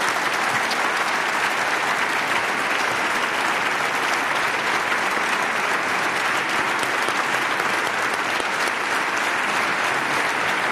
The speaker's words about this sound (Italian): a cui facciamo un grandissimo applauso.